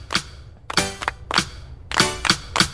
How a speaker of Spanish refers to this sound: Vamos a jugar a aplaudir al compás de esta linda canción. Y así solo en grupo lo puedes jugar. Vas a ver que te divertirás. ¡Solo escucha bien!